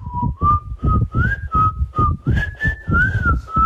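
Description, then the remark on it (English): A woman's breathy, windy whistle carries a short jingle-like melody, stepping between notes in steady pulses with airy gusts around each tone, fairly loud with no talking. “She's resorted to sending us a very windy, whistling rendition of the jingle.”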